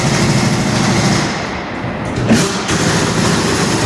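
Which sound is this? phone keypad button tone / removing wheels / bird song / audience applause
removing wheels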